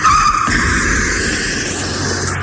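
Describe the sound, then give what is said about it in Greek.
A Porsche's brakes screech in a loud, sustained high-pitched squeal that holds steady for a couple of seconds over rumbling engine noise, with no distinct crash. “Πετάει και δύο μαντιλίκια, τρεις κολλιές και ένα φρενάρισμα και πάει και καρφώνεται δικέ μου πάνω σε μία ταλίκα.”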